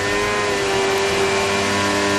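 The racing car engine of Franco Colapinto's stopped car runs loudly and steadily as he tries to find a gear, its harmonic drone holding a near-constant pitch with slight revving swells, with no talking over it.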